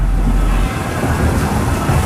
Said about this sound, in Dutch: regent en dondert gelukkig alleen maar op de radio.